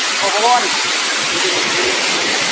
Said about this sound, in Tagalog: Mao ni ang ilang sapa dito dong nga murag og na kuan man ang tubig no murabag ka ng oh mo ni oh.